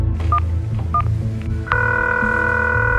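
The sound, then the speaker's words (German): A few short keypad dialing beeps on a mobile phone as a woman in a parking lot calls her daughter, followed by a steady, sustained ringing tone over a low hum. No one speaks. “Immer wieder greift sie zu ihrem Handy und versucht, ihre Tochter zu erreichen.”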